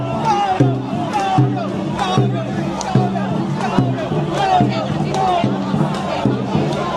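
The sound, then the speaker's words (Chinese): A crowd of excited spectators at a dragon boat race cheers and shouts in loud, rhythmic bursts about once a second, their overlapping voices forming a steady roar throughout. “哇，我们旁边的观众朋友们还是激情满满的。”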